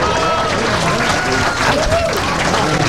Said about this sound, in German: Zeit für den ersten Applaus.